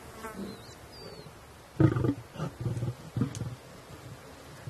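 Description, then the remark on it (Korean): A dominant adult male lion growls at young cubs that were just feeding, keeping them away from the food. The growls come in a series of low, rumbling bursts, fairly loud, with faint insect buzzing in the background before they begin. “이번엔 우두머리 수컷이 조금 전 먹이를 먹이던 어린 사자들에게 으르렁거리죠.”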